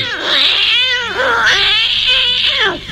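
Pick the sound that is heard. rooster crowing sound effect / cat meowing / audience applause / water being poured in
cat meowing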